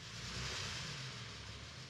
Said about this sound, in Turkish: Motor neredeyse sıcak hale geldi diyebilirim.